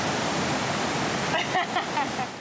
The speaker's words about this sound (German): Das Ungewöhnliche, sie befindet sich in einem Osnabrücker Kaufhaus. Zum Glück kann bei dem Lärm niemand mein Herzrasen hören. Kann man die Welle nicht ein bisschen kleiner einstellen? Das ist schon die kleinste Welle.